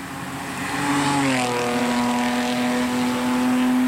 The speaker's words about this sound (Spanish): se trata de un auto deportivo que pasó fácilmente a 130, 140 kilómetros por hora, a una distancia muy corta de nosotros.